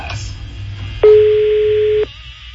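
A single steady telephone ringback tone of an outgoing call sounds for about a second, loud, over a faint low background hum, then cuts off abruptly.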